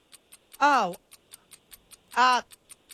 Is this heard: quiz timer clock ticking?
yes